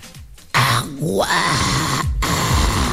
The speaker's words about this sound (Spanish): Así se supone que hacía el perro que habla.